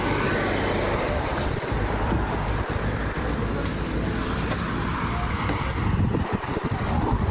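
Steady traffic rolls by on the wet Dinar–Çay highway in Afyonkarahisar, Turkey, after rain, tires hissing and splashing through a chemical spilled from a truck that turns vehicles purple, with a low engine rumble underneath and no clear pauses between passing vehicles.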